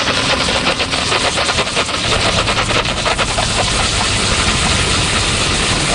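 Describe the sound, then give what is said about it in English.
A steam cleaning machine blasts loud, continuous hissing steam onto chewing gum while injecting a chemical to dissolve it. The hiss runs over a low engine rumble, with a fast rattling pulse throughout and no voices. “And what we do is turn on the steam button. We place the steam right on the gum and inject the chemical and motion.”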